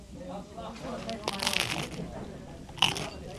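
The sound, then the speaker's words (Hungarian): A moka pot gurgles and sputters in irregular, crackling bursts, swelling in the middle and ending with a sharp spit, while a voice murmurs softly underneath. “Ilyen hangot ad ki a kotyogos kávéfőző.”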